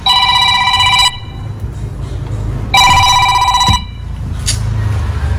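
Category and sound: household object, telephone ringing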